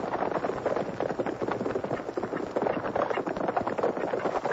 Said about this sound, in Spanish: Gente de a caballo.